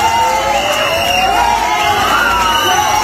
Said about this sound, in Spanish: Y fuera, los abucheos no cesaron.